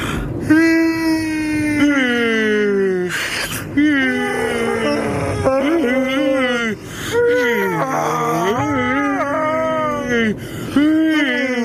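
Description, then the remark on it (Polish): Loud voices let out a series of long, exaggerated fake yawns and drawn-out sleepy moans in a car while someone drives, their pitch sliding up and down, each one following the last with brief gaps. “Nie możemy za głośno chrapać, bo nic nie usłyszymy. A, no tak, masz rację. To zacznę tak o... A, od ziewnięcia.”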